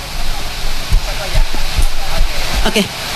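A crowd claps steadily for a few seconds, a dense, even wash of many hands with a few louder individual claps poking through.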